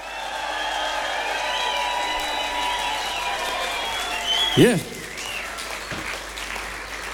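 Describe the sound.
Steady, dense applause from a large concert audience for the band runs throughout, with a brief rising whoop or shout of cheering midway and a short exclamation from one voice over the clapping.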